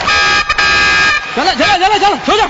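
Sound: horn being blown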